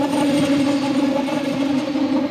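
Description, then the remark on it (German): A passing train makes a steady, loud mechanical whirr with strong humming tones, holding a constant level throughout with no voices. “Schon lange bevor man den Zug sieht, baut sich ein schwirrendes Geräusch auf, das immer lauter wird, bis der Zug vorbeifährt.”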